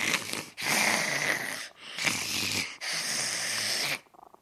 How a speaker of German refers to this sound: Wenn ich mit ihm spiele, da ist er leise, dann schnurrt er nicht. Dafür macht er Miau. Wenn er döst oder eingeschlafen ist, schnurrt er sehr laut.